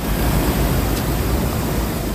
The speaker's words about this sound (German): So klingt sie, die Abkühlung. Eine Sprinkleranlage sprüht feine Wassertropfen auf alle, die vorbeikommen. Kurtyna Wodna heißt das in Polen, wörtlich Wasservorhang. Sie sind an beliebten Plätzen und in Fußgängerzonen zu finden.